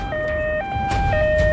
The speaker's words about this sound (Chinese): 救护车快速穿行在车流中，不可避免的会遭遇拥堵。